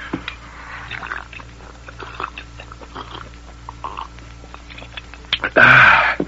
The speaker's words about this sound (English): Let me swallow that water